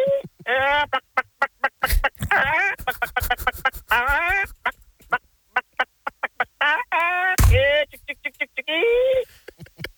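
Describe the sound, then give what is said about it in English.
A person imitates a clucking chicken with a rapid, loud stream of short squawky vocal bursts and clicks, sounding slightly tinny, like it's coming over a phone line. “yeah, chicken.”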